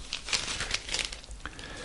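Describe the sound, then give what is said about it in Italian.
A crisp rustle of paper as a page is turned to page 25, with a few quick crinkling bursts over about two seconds and no voices. “E adesso conquisto pagina 25.”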